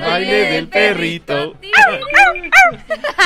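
A dog whines in a few drawn-out, high tones, then breaks into a quick run of sharp yips and short barks, loud.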